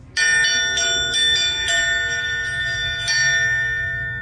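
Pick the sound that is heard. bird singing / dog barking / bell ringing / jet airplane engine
bell ringing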